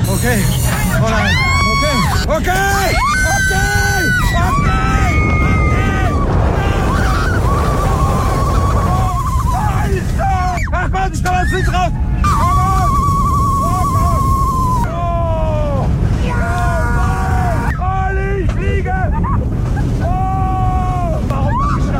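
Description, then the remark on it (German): A roller coaster ride at 130 km/h on the Silver Star at Europa-Park in Rust, with Bühlen-Ceylan riding: a loud, unbroken roar and rumble under repeated high, wavering screams and whoops that rise and fall in pitch, with a voice briefly speaking. “aktuell ist der Bühlen-Ceylan beim Achterbahnfahren. 130 km/h mit dem Silver Star im Europapark Rust.”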